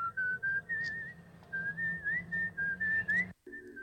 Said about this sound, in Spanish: De ahí viene el silbido. Ahora, lo que es amar el cine, ¿no? Porque al tipo le queda el silbido de una película inglesa del 69 y cuando sale a hacer Kill Bill en el año 2000.